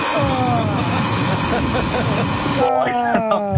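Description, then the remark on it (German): An alarm clock rings loudly: a harsh, noisy blare with wavering tones, shifting near the end into a cleaner, rhythmic series of pulsing electronic tones. “Ja, aber so klingt doch dein Wecker, oder nicht?”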